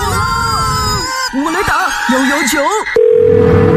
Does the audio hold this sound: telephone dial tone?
yes